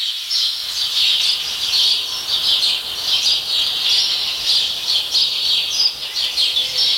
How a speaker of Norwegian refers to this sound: Hører du om det mange eller få forskjellige fuglearter i denne skogen her? Nei, det kunne vært bare at det var en som tok all oppmerksomhet. Ja. Men det kan være mange, mange av den ene da.